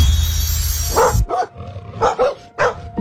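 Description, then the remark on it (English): A dog growls aggressively with a low, rough snarl, then breaks into several loud, harsh barks in quick, uneven bursts. “An aggressive dog can turn a peaceful walk into a dangerous situation in seconds.”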